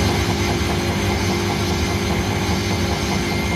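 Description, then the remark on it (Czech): A washing machine spinning wet laundry at full speed gives a loud, steady mechanical drone with a deep rumbling hum and a constant whir that holds unchanged throughout. “Myšlenka roztočit mokré prádlo a zbavit ho vody odstředivou silou je, představte si, stará více než 150 let.”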